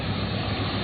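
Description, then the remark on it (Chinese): A combine harvester's engine roars steadily back to life after a repair, a loud, continuous mechanical drone with a broad rumbling hum and no voices, during the wheat harvest in Xin'anji town, Shenqiu, Zhoukou, Henan. “机器的轰鸣声再次响起，那是忙碌的声音，也是心安的底气。”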